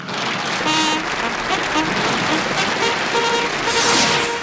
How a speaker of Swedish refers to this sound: och han är värd en lite större fanfar med applåder.